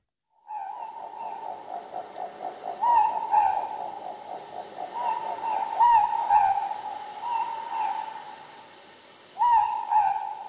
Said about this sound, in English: The Ruru, the Moorpork.